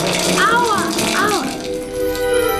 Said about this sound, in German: Sie konzentrierte sich und ließ es in der Dusche hageln.